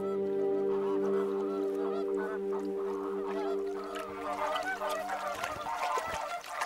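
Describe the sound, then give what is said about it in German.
A flock of flamingos in a protected wetland with salt pans and lagoons calls continuously, a dense chorus of overlapping, goose-like honks and nasal gabbling. The calling stays loud and busy throughout, with no voices. “Zum Beispiel Flamingos.”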